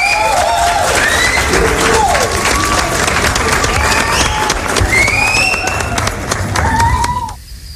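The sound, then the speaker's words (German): Loud, steady applause from a crowd with whistles and cheering mixed in, lasting several seconds before cutting off abruptly at the end. “Und jetzt dafür Applaus.”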